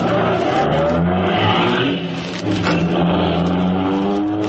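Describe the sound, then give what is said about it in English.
A car engine catches and revs loudly as a stalled car that would not turn over is started again with the gas fed, a steady rumbling drone with a short drop in power partway through before it roars back up. “I'll give it another try. She's catching. Feed it gas.”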